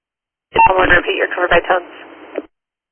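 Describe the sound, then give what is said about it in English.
Tinny, band-limited radio transmission carrying a short burst of electronic dispatch tones, mixed with garbled radio chatter, lasting about two seconds before cutting off abruptly. “I'm gonna repeat your cover by tones.”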